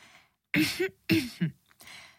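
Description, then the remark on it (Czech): Two loud throat clearings in quick succession, rough and raspy with a brief voiced rumble, followed by a softer, breathy clearing sound. “A vy si odkašlete a začnete vyprávět.”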